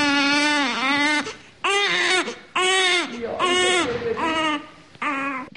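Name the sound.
newborn baby crying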